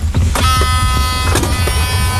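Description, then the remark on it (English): A steady electric motor whine with a low rumble underneath as an electric cart drives along on an island, with a few soft knocks and rattles over the continuous hum. “Electric car.”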